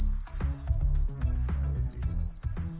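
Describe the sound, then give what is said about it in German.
Shrill, continuous screeching calls of common swifts play without pause from a small white Bluetooth speaker box used to lure swifts, over a steady, rhythmic low thumping in the background. No one speaks. “Das ist er, der Mauersegler. Allerdings nicht live und in Farbe. Die Lockrufe kommen aus einem kleinen weißen Kästchen.”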